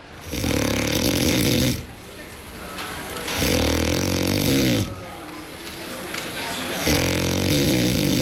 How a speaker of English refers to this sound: Particularly noisy snoring there.